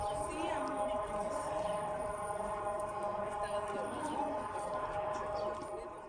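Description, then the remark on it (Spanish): Seismic alert sirens in the city of Taxco, Mexico, warning of a magnitude 5.2 earthquake registered in San Marcos, sound in a steady, sustained mid-pitched tone with layered harmonics, holding for the whole stretch over a busy bed of background noise and indistinct voices. “segundos después las alarmas de seguridad de la ciudad de Taxco comenzaron a sonar”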